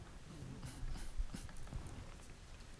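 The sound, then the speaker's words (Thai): Light wooden taps of a chisel carving takhian wood taken from damaged temples and houses, four or five knocks at an uneven, unhurried pace, fairly quiet against a low background hum. “คุณผู้ชมครับเนี่ยเรามาแกะสลักไม้ตรงนี้เป็นไม้แม่ตะเคียนนะฮะที่มาจากหลายๆพื้นที่โดยเฉพาะวัดและบ้านต่างๆที่มีการชำรุดตรงนี้นะแล้วก็สามารถมาแกะลายเป็นลายต่างๆได้”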